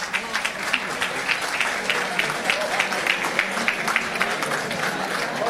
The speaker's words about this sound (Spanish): El aplauso para recibirlo.